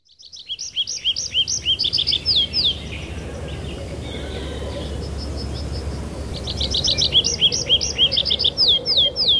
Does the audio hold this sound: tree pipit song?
yes